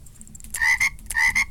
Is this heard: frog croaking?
yes